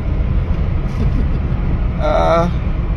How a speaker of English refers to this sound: it sounds like... transmission change, change my gear, probably a sports car.